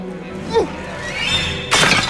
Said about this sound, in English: picks up a snail shell from on top of a pumpkin, grips it with her bandaged hand, and hurls it through the hut's window, shattering a clay jar.